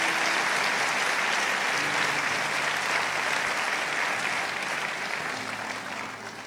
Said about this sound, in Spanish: Amén. Dan un aplauso al Señor de los cielos.